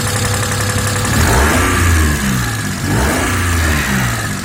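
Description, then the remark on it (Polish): The engine of an old car, now rarely seen on Polish roads, revs up to high rpm twice. Its pitch climbs and falls in loud sweeps over a steady mechanical drone, with no talking. “Wszedł na wysokie obroty. Weszliśmy na wysokie obroty.”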